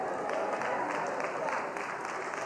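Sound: audience clapping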